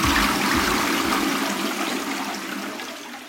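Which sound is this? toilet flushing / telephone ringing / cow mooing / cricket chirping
toilet flushing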